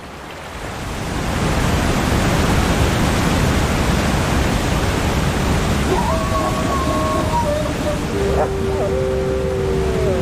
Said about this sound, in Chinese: 可是冰雪融水的汇入导致河流水量大增，水流湍急，绝望的寒角驼鹿拼命想游到对岸，但很快被河水吞没。